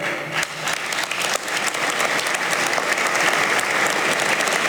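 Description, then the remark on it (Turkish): Applause from many hands interrupting a speech to the assembly (Meclis) as it enters its second legislative year: a dense, steady burst, swelling slightly and holding loud for several seconds with no voice heard over it. “Sık sık alkışlarla kesilen bu konuşmadan 95 sene sonra Yüce Meclisimiz millete öncülük görevini bir kez daha yerine getirmiştir.”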